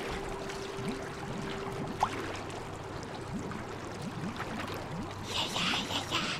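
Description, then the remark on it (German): Icy water gushes and gurgles steadily through a leak into a boat, a continuous splashing rush with small surges, moderately loud, over a faint low hum. “Oh nein, das Leck! Verdammt! Hastig presste Gaston seine Hand auf das Loch. Aber eisiges Wasser umspülte bereits seine Knöchel.”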